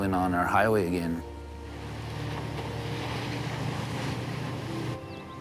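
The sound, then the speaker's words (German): A voice speaks briefly at first, then a motorboat engine on the Porcupine River near Old Crow, Yukon, in spring after the ice has gone, takes over with a steady humming drone over a wash of water noise, holding evenly to the end. “Dann wird gleich das Boot ins Wasser gelassen und wir können endlich wieder unseren Highway befahren.”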